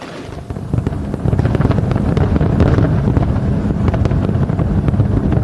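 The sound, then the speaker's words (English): A dense barrage of fireworks pops and crackles over Seward, Alaska, above a steady low rumble, like wind or water. The bursts come rapidly without pause, with no voices heard. “You're looking at the spectacular display that was visible over Seward, Alaska.”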